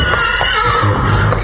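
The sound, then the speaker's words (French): Horses pulling a chariot whinny loudly and shrilly as they bolt, a continuous high neighing over a rumbling low background. “Maître, attention ! Les chevaux s'emballent !”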